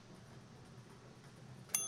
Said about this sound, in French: Ah, voici la cloche. Eh oui.